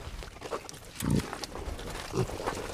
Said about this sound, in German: Ja, also die Schnappi, die da jetzt steht, die ist jetzt 8 Jahre alt, was schon viel älter ist, wie jede konventionelle Zuchtsau je wird.